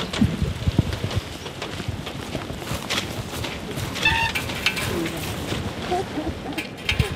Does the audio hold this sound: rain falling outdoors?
yes